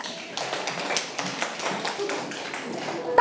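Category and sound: crowd, children clapping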